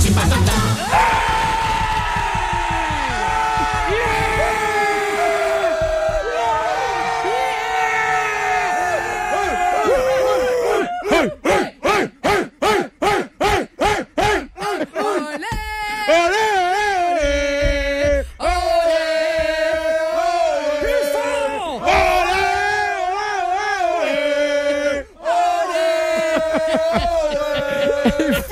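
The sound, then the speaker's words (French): A loud crowd yells and cheers continuously, many voices overlapping in high whoops and bellows, with a stretch of rapid rhythmic chanting bursts partway through before the shouting swells again. “Là, tu vas avoir une vraie foule.”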